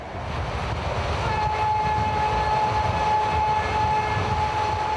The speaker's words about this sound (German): Rund 700 Kilometer liegen vor uns. Fahrzeit 10 Stunden. Es ist Norwegens längste Eisenbahnstrecke. Die Diesellok führt den Zug durch die Hochebene des Saltfjellgebirges.